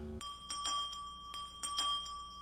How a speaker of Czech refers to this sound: Někdo zvoní.